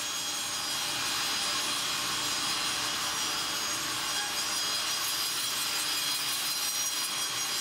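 A saw in the Holz family sawmill in Kritzmo cuts steadily through timber, a loud, continuous, hissing, rasping grind that holds at an even level for the whole stretch, with no voices.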